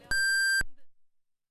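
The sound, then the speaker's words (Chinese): A loud, steady electronic beep, the radio hourly time signal for 8 o'clock Beijing time on Harbin Radio and Television's traffic radio station, holds for about half a second and then cuts off, leaving a brief fading echo. No one speaks. “北京时间8点整， 哈尔滨广播电视台交通广播”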